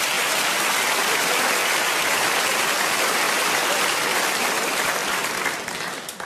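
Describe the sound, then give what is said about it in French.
A crowd applauds loudly and steadily, a dense wash of clapping that holds for several seconds before starting to thin out at the very end. No one speaks over it. “Eh, vous avez applaudi ça, ouais.”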